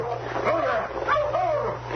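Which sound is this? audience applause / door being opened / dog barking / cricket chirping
dog barking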